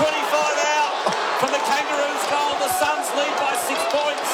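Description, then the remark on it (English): A football is bounced against the ground by the umpire for a restart, the dull thud nearly swallowed by a loud, steady stadium crowd roar with voices talking over it. “Pounds the call. We'll have a bounce. Making the ball up.”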